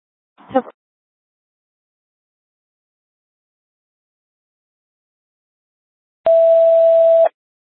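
A short crackle of radio audio, a long stretch of silence, then a single loud, steady non-emergency dispatch alert tone, sent to Medic 2 during a radio tones check, held for about a second before cutting off sharply.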